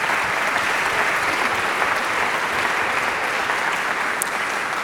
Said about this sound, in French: Ils sont accueillis de manière formidable. Donc aussi, on peut applaudir le Marny.